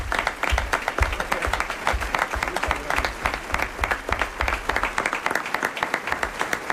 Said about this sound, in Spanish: Pedro Arnas ha sido el corrupto Sancho Paredes, o Sancho Panza. Aplauso para Pedro.